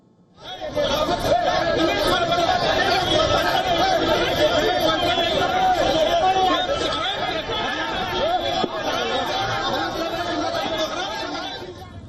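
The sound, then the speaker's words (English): A dense crowd of BJP workers protesting and blocking Ratu Road during the statewide Jharkhand Bandh, with police intervening. Many voices chatter and shout at once, a loud, continuous outdoor hubbub that holds steady for the whole stretch with no single voice standing out. “In another incident, BJP workers blocked the Ratu Road during the statewide Jharkhand Bandh. A large number of police personnel intervened to stop the crowd.”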